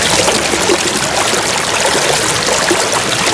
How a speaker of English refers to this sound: I also got a message through saying the sound of running water. Now, if you do need to use a bathroom right now, block your ears because this one might push you over the edge.